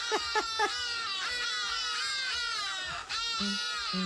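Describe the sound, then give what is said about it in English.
Birds scream loudly at the crack of dawn on treetops: three quick, sharp cries, then a long, wavering, high-pitched shriek full of harsh overtones, ending with a few more short calls. No one speaks. “But, and it's a massive but, why must they scream like, oh gosh.”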